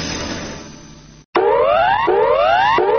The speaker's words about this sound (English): This siren is part of the new bushfire alert levels. You may hear it over the radio if a bushfire is in your area.